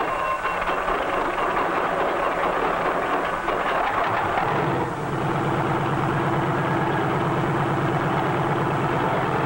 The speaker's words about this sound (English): A self-starter starts the engine, and after a careful warm-up, we're ready to take to the air.